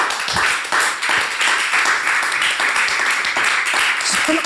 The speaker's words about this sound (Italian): Gli applausi fuori scena, oltre che in studio, che potete ben immaginare.